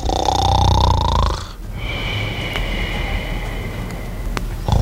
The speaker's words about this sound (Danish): Og der er jeg jo klar til at altså, gå til håndkamp. Altså, jeg hader at høre på snorken.